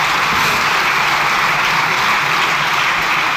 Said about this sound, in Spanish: largo aplauso, ¿eh?